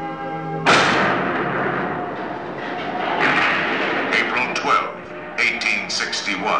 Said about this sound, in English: Fort Sumter. The cannon spoke for war. Civil war. Violent. Devastating.